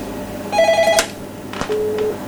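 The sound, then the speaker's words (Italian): A telephone rings with an incoming call to the studio: a bright electronic trill followed by a shorter, lower ring tone, clear, with no talking over it. “Non credo subito che c'è una telefonata che arriva.”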